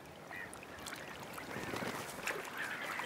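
A dense, noisy chorus from a black-headed gull colony, many overlapping harsh, high squawks and cries rising and falling continuously over a steady background wash, with no talking.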